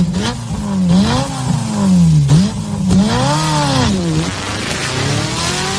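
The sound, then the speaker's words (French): A powerful Ferrari sports car engine roars loudly, revving up and down in repeated swelling waves with sharp gear-change dips, no voices present. “Ce rugissement du moteur, c'est tout le défi de la marque italienne aujourd'hui.”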